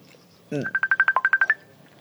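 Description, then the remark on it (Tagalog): A cellphone rings for an incoming call: a quick series of about ten bright electronic beeps in a steady rhythm, clear, after a brief low thump. “Oh, may nagpanawag. Cellphone ko.”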